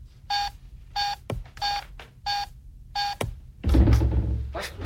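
Five evenly spaced electronic keypad beeps, each a short bright tone with a soft click between presses, followed by a louder, rougher burst of noise near the end.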